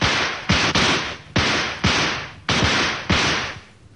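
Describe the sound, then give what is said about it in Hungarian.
A rapid series of about seven loud gunshots fired at a wooden shield set at the base of a tree, each sharp crack trailing off into a brief rushing decay before the next shot lands. No one speaks. “Tedd oda a fa tövébe. Duella, kezdjük. 10 lövés.”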